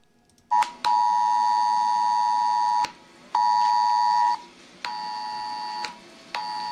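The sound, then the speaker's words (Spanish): A loud, harsh ES-Alert emergency alert tone from a mobile phone, a Civil Protection message sent to citizens of Castilla-La Mancha with advice on watching the solar eclipse, blares in long steady bursts separated by brief pauses, alone with no voices. “De hecho, todos los ciudadanos de la región hemos recibido esta mañana en los teléfonos móviles un mensaje es alert de Protección Civil con consejos para observar el eclipse.”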